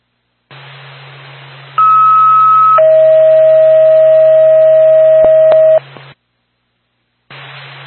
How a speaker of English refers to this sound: Contact the Whitefield Ambulance, stand by for tone.